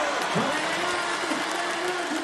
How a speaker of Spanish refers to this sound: ¡Fuerte ese aplauso!